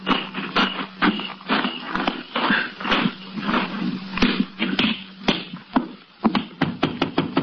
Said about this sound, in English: You go around the back way, and I'll go in through the front. Wait till you hear me knock and get in.